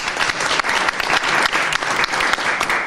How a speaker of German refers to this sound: Vielen lieben Dank, dass du heute da bist. Auch einen herzlichen Applaus für dich.